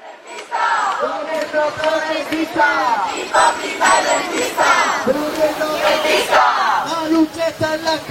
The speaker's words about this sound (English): Noisy demonstrations are starting now in the capital, Madrid, and beyond. Their protests focused on what many consider to be the country's biggest issue, the high cost of housing.